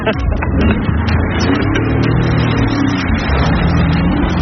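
A rented jet ski from Cabourg Jet in Cabourg, Normandy, heading through the channel toward the sea; its engine roars, revving loudly and steadily throughout, its rising drone mixed with rushing wind and water noise.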